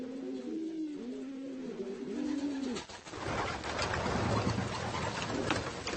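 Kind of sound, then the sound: bird, homing pigeons cooing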